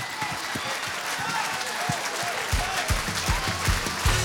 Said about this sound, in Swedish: Ja, mycket applåder.